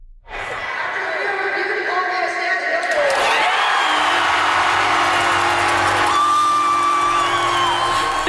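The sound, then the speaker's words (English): A packed hockey arena crowd erupts into loud, sustained cheering and whooping after a goal is confirmed following a review, swelling further around the midpoint and staying at a roaring, deafening level throughout, with a steady horn-like tone joining in. “It was deafening, truly deafening.”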